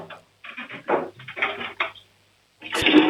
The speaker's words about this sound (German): Wow. Die haben eine laute Klospülung. Ihr habt aber eine schön laute Klospülung,